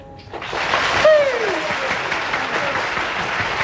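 An audience claps steadily for several seconds, a dense, continuous patter of many hands that starts abruptly and stays fairly loud throughout, with a brief sliding tone rising over the noise early on.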